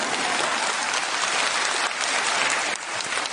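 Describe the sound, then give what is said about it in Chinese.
Steady audience applause, a dense wash of many hands clapping at a loud, even level throughout, with no voices. “感谢大家的掌声鼓励。奇怪的是，掌声突然就停了下来呢。”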